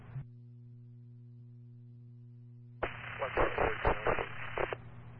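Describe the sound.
A low, steady electrical hum runs for a few seconds before a harsh burst of static on a dispatch radio channel breaks in as a unit responds, crackling with garbled, voice-like fragments for about two seconds.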